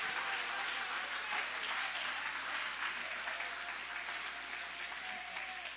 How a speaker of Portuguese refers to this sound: Isso, Deus ocupe as suas mãos e aplauda, glorifique. Adore e exalte ao nome de Jesus.